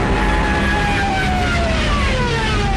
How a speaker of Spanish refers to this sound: También millones de civiles, peleando por un hueco en trenes y camiones, o a pie, largas filas en las carreteras, espantadas por el estruendo de los aviones Stukas, de sus ametralladoras y sus sirenas, apodadas las trompetas de Jericó.